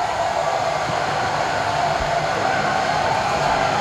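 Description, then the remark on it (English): Champagne spraying as the Braves celebrate winning a winner-take-all elimination game against the Phillies, heard as a steady, loud rushing hiss that holds at an even level for the full few seconds, with a faint low rumble underneath and no voices. “They are spraying that champagne all over the place.”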